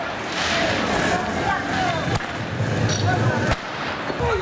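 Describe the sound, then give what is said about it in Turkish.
Two sharp bangs, like fireworks or tear gas launchers firing, crack out over a loud, continuous street din of shouting crowds during a street clash between young protesters and police in Ben Guardane, Tunisia, near the Libyan border; protesters threw stones and fireworks, police answered with tear gas. “Güvenlik güçlerine taş ve havai fişek fırlattılar. Polis göz yaşartıcı gazla karşılık verdi.”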